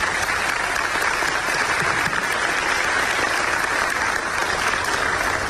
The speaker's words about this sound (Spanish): sino a todos los que trabajaron en construir un relato digno para que tanto paraguayos nacionales como extranjeros pudiesen identificarse con nuestros billetes. Así que un aplauso para todos ellos.